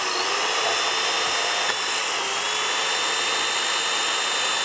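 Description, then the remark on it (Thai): A steady, high-pitched power drill motor whine runs loud for the whole stretch, drilling a pilot hole continuously into material with firm pressure, with no talking over it. “โอเค ใช้แรงกดมาก ใช้แรงนิดนึงอันนี้การตำแหน่งที่การเจาะรูเนี่ยครับ”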